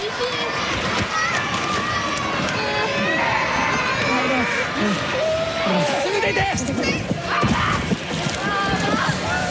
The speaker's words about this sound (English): A 6.8 magnitude quake hits the island of Kyushu, which is the nation's second most populous. Tens of thousands of people are said to have experienced power and water outages. This is the moment when the powerful earthquake hit.